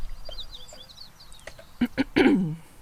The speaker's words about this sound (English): Brewer's Sparrow. Call.